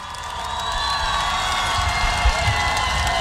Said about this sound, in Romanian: priviți-l cu aplauze!